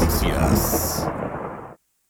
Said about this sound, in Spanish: 13 horas con 8 minutos y la lluvia está presente en la ciudad de Cobán. Llueve fuerte, así que tomen sus precauciones.